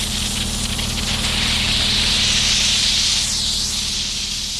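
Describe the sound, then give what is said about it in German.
Steady, loud hissing of steam blasting from a cleaning machine for removing chewing gum residue, with a steel brush and vacuum on its hose, letting out a big cloud of steam: a broad rushing noise over a low mechanical hum, continuous for several seconds with no talking. “Da kommt dann so eine ganz große Dampfwolke raus.”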